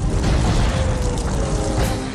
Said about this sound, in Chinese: 听到的炮弹爆炸声，看到这些烟雾声